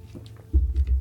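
Someone takes a sip of water right at the microphone, a quiet pause followed by a few low, muffled gulping thumps. No one speaks.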